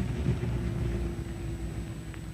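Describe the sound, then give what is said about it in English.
A car engine rumbles low and steady, its drone easing only slightly toward the end as the vehicle comes to a stop. No voices are heard. “Stop the car. I say stop the car.”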